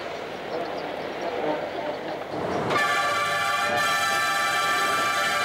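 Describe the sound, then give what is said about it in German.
A mountain train climbs a 240 per mille gradient along the west side of the Mont Blanc massif, rumbling along the track; about halfway through a loud, steady high-pitched whine like a horn or motor sets in and holds, continuous over the clatter. “Mit 240 Promille Steigung geht es nun, wie versprochen, an der Westseite des Mont Blanc-Massivs entlang.”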